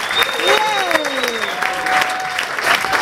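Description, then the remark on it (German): A large audience claps loudly and steadily throughout, with a few whistles and cheers rising over the dense applause, welcoming a singer performing as Sally Bowles. “Begrüßt sie mit einem riesengroßen Applaus.”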